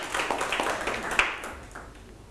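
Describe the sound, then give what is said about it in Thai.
A classroom of students applauds a classmate who has just told a story, a dense patter of many hands clapping together that starts lively and gradually thins and fades out over about two seconds, with no voices. “ปรบมือให้เพื่อนอีกครั้งครับ”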